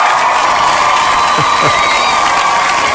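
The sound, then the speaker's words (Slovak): Loud, steady audience applause, a dense wash of clapping that holds at an even level throughout, mixed with crowd cheering and a few high shouts. “A toto je potlesk pre vás.”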